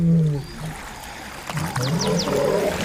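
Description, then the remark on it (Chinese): Deep, rumbling roars from a group of three male lions wading across a river, a loud harmonic growl at the start and more low calls later, with sloshing water and scattered splashes underneath. “一群公狮正在渡河。”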